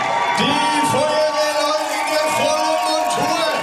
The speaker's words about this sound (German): Und dann, nach etwa 3 Stunden, ist es geschafft. Und ihr Lieben, einen riesengroßen Applaus, da kommen sie!